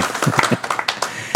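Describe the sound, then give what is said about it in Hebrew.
An audience claps, a dense patter of overlapping hand claps at a steady loudness, with a few sharper claps standing out near the end. “גם אנחנו מוחאים כפיים, לא רק בנתניה.”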